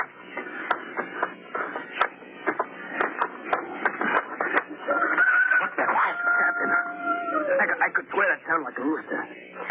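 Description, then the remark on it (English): A rooster crows once on Mars, a long drawn-out call that falls away at the end, sounding thin as if through a radio, with voices and clicking noises around it. “A rooster crowing on Mars.”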